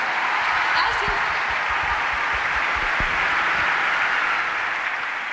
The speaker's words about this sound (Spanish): Fuerte el aplauso.